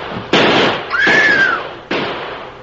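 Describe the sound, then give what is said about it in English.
Three sharp gunshots crack out at uneven intervals, the second followed by a whining ricochet. Each is loud, with a short rumbling decay and no voices. The shots are fired at the Lone Ranger, Tonto and Dan as they ride off in Miner's Gulch. “Drill him. Shoot him.”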